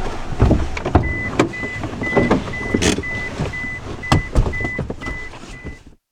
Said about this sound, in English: Here we have the car.